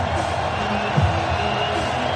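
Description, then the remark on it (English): A dense, steady roar of a very loud sellout baseball stadium crowd in Cleveland on a night in the mid-60s after earlier rain, a constant wash of many voices with no single voice standing out and only slight swells. “And a very loud sellout crowd here in Cleveland.”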